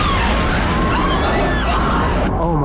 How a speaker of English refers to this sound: The building's exploding right now. You got people running up the street. Wait, oh my God, another plane has just hit. Explosion.